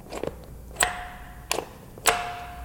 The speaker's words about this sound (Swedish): Funkar ringklockan fortfarande? Vi ska se.